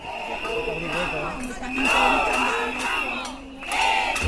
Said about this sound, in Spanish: Así ha sido también en Córdoba, donde bajo el grito de Educamos, no guardamos, un centenar de personas se ha manifestado ante las puertas de la Delegación de Educación.